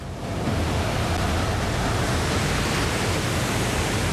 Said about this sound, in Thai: เขารีบแล่นเรือเข้าหาคลื่นสึนามิที่ใหญ่ที่สุดในรอบหลายร้อยปีของญี่ปุ่นหวังว่าจะถึงสันคลื่นก่อนที่มันจะปะทุ มันเหมือนกับภูเขาเลยเราผ่านคลื่น3ลูกที่มาจากทางตะวันออก